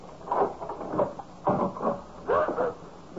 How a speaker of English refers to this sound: I'm about to open the door, have your badge ready.